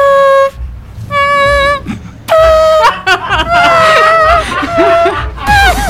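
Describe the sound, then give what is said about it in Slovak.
A voice imitates a trumpet using only the mouth, with no trumpet, while being taught to play trumpet at the Love Stream Festival. It blares buzzy tooting phrases in several loud bursts with short pauses, some notes sliding and wavering, over a faint murmur of background noise. “ako hrať na trúbke. Jediný zádrhel, ktorý sa v rámci tejto aktivity vyskytol, bol ten, že bez trúbky to bolo celé.”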